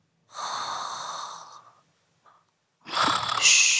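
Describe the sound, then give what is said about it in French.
Two drawn-out, raspy snoring breaths from someone who has fallen asleep, fairly loud, separated by a brief quiet pause, with no talking. “Tu entends ? Tout doux ronfle.”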